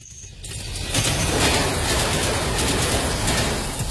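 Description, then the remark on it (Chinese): A steady, loud rushing roar of a high-speed train on the rails, the earliest train heading back to Dalian, swells in within the first second and holds continuous, with faint chirps underneath and no voices. “乘最早一趟高铁赶回大连”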